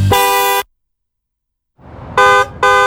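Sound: car horn honking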